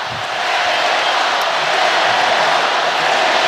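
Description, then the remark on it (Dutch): A stadium crowd at a football match between Senegal and Belgium roars steadily in support of the Senegalese team, a dense, unbroken wash of cheering voices that holds at a loud, even level throughout, with no individual speech standing out. “Publiek moedigt, als ik dat goed begrijp, de Senegalezen aan.”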